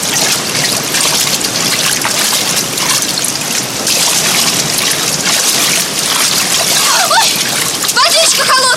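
Steady splashing of a sergeant wading through water while carrying a young woman across it, a continuous churning slosh lasting throughout, with a few brief vocal sounds near the end.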